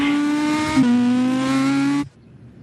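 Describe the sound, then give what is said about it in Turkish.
Jean-Louis Schlesser's rally car, number 10, launches from the start, its engine roaring loudly with a rich, buzzing tone that dips briefly, then slowly climbs in pitch before cutting off abruptly after about two seconds, leaving near silence. “Jean-Louis Schlesser muhteşem arabasıyla depara kalktı.”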